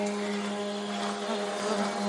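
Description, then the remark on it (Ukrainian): A steady, droning engine buzz with a strong, even pitch holds unbroken for the whole moment: a Shahed drone flying over a homestead near the Ukrainian-Belarusian border in Ukraine, heard almost daily there. No voices are heard. “Петро каже, чи не щодня чують дзищання шахедів.”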